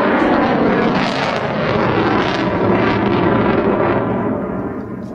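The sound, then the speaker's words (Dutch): An F-35 fighter jet on a normal overflight at about 440 m roars loudly overhead as it applies throttle, a dense, rumbling blast of engine noise that stays intense throughout and eases only slightly at the very end, with no voices. “Knallend geluid is het. De F-35 heeft veel power.”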